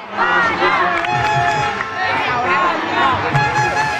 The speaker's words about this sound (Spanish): Evidentemente los gritos de España, España se iban sucediendo bajo el maestro de ceremonias